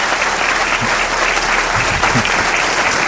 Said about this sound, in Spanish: Aldo Linares, os pido un aplauso para él.